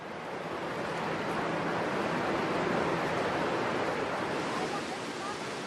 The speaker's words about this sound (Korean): 점점 시원한 폭포 소리가 가까워지면서 기대감이 부풀어 오릅니다.